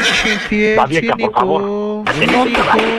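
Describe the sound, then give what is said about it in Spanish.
A loud horse neigh in a courtroom with a shaky, wavering pitch, running for about three seconds and breaking off briefly before a second strained burst. “Ya, por favor, saquen al caballo, por favor,”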